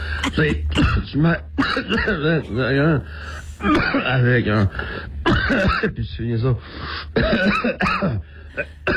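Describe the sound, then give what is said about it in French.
A few short coughs and throat clearing break up a lively French-language conversation, fairly loud, with voices talking over and between them. “Et pendant que tout ça, ça te faisait tousser, hein?”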